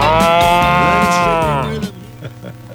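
A cow lets out one long, loud moo, its drawn-out call lasting almost two seconds before cutting off into quieter background with a few soft knocks.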